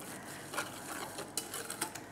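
Gum arabic in candy-like pieces being stirred into hot water to make a sticky food for monkeys: soft scraping swirls with a few light, high clinks of a utensil against the vessel, irregularly spaced and fairly quiet, with no talking.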